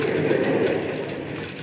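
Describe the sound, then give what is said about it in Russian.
A red tram rolls along its rails with a steady, dense rumble and faint rhythmic clatter, fairly loud, with no voices. “Мы будем ездить со всеми советскими удобствами в красном трамвае.”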